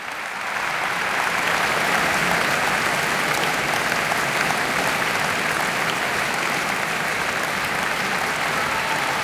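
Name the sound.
concert audience applauding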